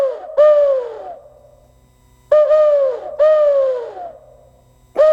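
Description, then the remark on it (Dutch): Several hooting owl calls blown on an owl-shaped owl whistle, each a strong tone sliding downward and trailing off, with pauses between, loud with no talking. “Maar wat is nou, ja, als je zo'n uilenfluit ziet. Dat is, het ziet er als een uil uit. Je kan erop fluiten.”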